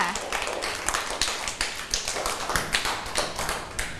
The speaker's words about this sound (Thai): เก่งมากปรบมือให้กับเพื่อนหน่อยค่ะ